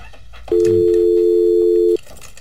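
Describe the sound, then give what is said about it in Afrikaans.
A steady, loud telephone dial tone after a dropped call starts abruptly, holds for about a second and a half, then cuts off, with faint background noise around it. “Ok, daar een het ons verloor.”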